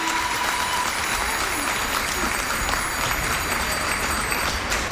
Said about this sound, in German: Der niederländische Turner springt von seinem Rad ab. Das Publikum applaudiert, landestypisch mischen sich Fahrradklingeln der niederländischen Fans in den Applaus.